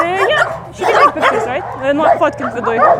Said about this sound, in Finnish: Talo on vanha ja ränsistynyt. Koirien haukku pauhaa kiviseiniä vasten.